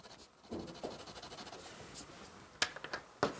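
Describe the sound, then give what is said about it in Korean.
A pen scratches across paper in short strokes, drawing vertical lines on the folding side faces of a tent in a pen drawing to add depth, a soft scritching that builds to two sharper, louder strokes near the end, with no talking. “이렇게 천막도 꺾임이 있으니까 옆면으로 꺾이는 애들은 세로선 한번 이렇게 지나가면 훨씬 입체감 생겨요.”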